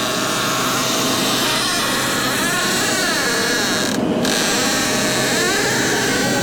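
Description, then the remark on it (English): A listener's own creaky, squeaky door groans steadily for several seconds, its high squeal wavering up and down in pitch over a harsh, grinding rasp. It's loud and continuous, with no voices. “Can we listen to this squeaky door that Juan sent us?”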